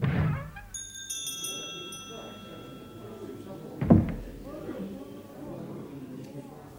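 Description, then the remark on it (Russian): The door of a German beer pub opens to the chime of a small bell that rings on for a few seconds, then shuts with a solid thud, with a low murmur of voices in the background. “Наверное, надо зайти в следующую дверь.”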